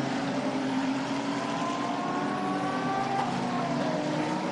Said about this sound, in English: Looks like the safety car is picking up speed just a little bit. Beautiful surroundings here at the Autodromo field, just coming up through Tosa, climbing the hill to Acqua Minerale.